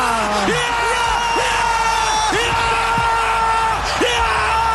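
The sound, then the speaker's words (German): A loud crowd erupts in cheering after a penalty goal that puts Switzerland into the quarterfinals, with many overlapping yells, whoops and rising shouts sustained throughout the few seconds. “Es ist einfach zu schön, um nicht nochmal schwelgen drin in diesen Jubeltönen.”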